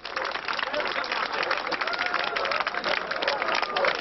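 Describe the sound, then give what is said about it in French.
A dense crowd of thousands of East Germans forcing the border crossing between East and West around 11 p.m. at night, pressing forward, with many overlapping voices, shouts and shuffling forming a loud, continuous roar. “Vers 23h la nuit dernière, des milliers d'Allemands de l'Est ont forcé les frontières qui séparaient l'Est et l'Ouest.”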